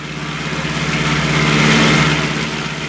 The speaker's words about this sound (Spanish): En la carretera, al ver el auto que se acercaba, apenas tuvo tiempo para esconderse apresuradamente detrás de un árbol.